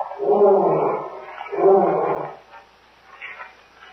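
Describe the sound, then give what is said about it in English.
A lion roars twice in deep, rumbling bursts, each about a second long, fairly loud, followed by quieter fading grunts. “Lion? Yes. Lion here?”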